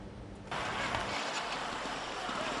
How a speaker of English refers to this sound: At one of Nairobi's busiest intersections, every red light is showtime. As traffic stops, a team of acrobats races into the road, flipping, juggling, and balancing before the lights change again.